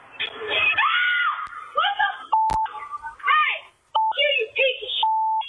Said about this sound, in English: I mean, it stuns her. It's like she's talking on the phone, I think. She was probably in complete shock, which is where the scream is coming from.